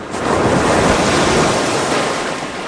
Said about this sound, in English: Whenever I hear the waves, I think about being out on the water and being out on my board.